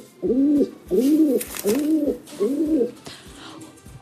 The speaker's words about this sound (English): Okay, you're listening out for a pigeon, though, not an ibis.